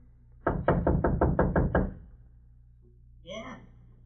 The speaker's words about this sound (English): Go on, knock.